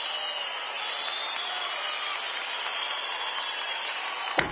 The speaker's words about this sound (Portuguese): Cadê o aplauso